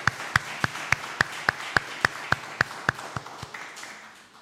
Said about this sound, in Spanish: Así que les damos un fuerte aplauso a nombre de la parroquia, muy agradecidos de su servicio.